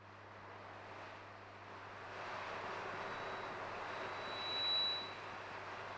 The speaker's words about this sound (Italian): Sentito la pioggia che cade sul monoblocco, lì da voi sta piovendo, ragazzoni, sta piovendo,